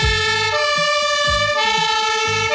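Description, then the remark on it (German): Loud, steady emergency sirens from a fire brigade engine and a rescue service ambulance wail together, with a heavy rhythmic horn-like pulse and a rumbling engine underneath; no one speaks. “Natürlich, das sind die Sirenen von der Feuerwehr und vom Rettungsdienst.”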